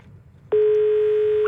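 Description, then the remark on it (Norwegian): After a brief moment of low background hiss, a loud, steady telephone tone of an incoming call from Vestfossen cuts in abruptly and holds unbroken to the end, with no voices. “fra Vestfossen som ringer.”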